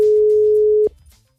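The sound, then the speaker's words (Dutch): A steady telephone ringback tone, heard while placing a call to a friend, holds one mid-pitched note for almost a second, then cuts off abruptly, leaving only faint low background noise. “Ik ga mijn vriendin bellen. Luister, dat ging zo.”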